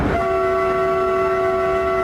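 A new Škoda electric multiple-unit train on a demonstration run between Plovdiv and Pazardzhik, travelling at 160 km/h, sounds one long, steady horn blast that starts abruptly and holds loud over a low rolling rumble of the moving train.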